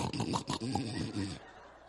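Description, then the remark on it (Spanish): A voice imitates the loud, truck-like snoring of a sleeping man: rough, rumbling snorts and growls pulsing quickly for about a second and a half before falling silent. “Ya está roncando.”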